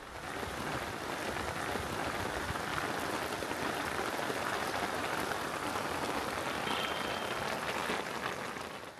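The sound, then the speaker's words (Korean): Heavy afternoon rain pours steadily onto water, a dense, continuous hiss of countless drops pattering with no pauses and no voices. “그날 오후 거센 비가 그치고 스리나가르 구시가지로 향합니다.”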